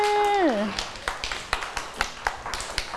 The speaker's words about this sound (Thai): เด็กๆปรบมือเลยค่ะเก่งมากค่ะ